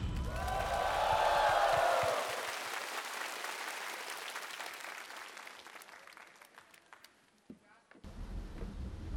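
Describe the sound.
A crowd on the show Singer 2026 applauds loudly to welcome the first singer to perform, the clapping peaking in the first two seconds and then thinning into a softer, steady patter that dips briefly before swelling again near the end. Some voices call out over it early on.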